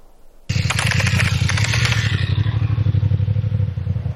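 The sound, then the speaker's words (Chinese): A motorcycle engine kicks in abruptly after a brief quiet moment and keeps up a loud, steady rumble with rattly clatter, no voices. The motorcycle is pulling over to the roadside in the distance on Xiangjiang North Road at 10 p.m., during a police night check. “晚上10点，在湘江北路夜查刚刚开始，一辆摩托车在远处靠边停下，这个动作引起了民警的注意。”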